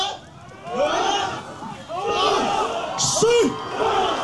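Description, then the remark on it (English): A group of villagers shout and bellow together, loud, with many overlapping voices rising in strained bursts and a sharper whooping cry near the end, as they lift a boat to carry it to the water during a ceremony preparing them to row to the Batanes Islands in the northern Philippines. “And with that noise, they're trying to pick up the boat and take it over to the water, all of them together at once.”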